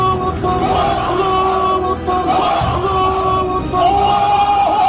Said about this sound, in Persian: در پیرو و فریادهای الله اکبر محمد، پیروان وی نیز فریاد الله اکبر سر دادند.